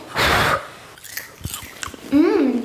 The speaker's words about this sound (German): Also, es ist fertig geploppt hier. Wir haben einen ganzen Topf voll mit selbstgemachtem Popcorn. Probieren wir? Heiß, heiß, heiß, heiß, heiß.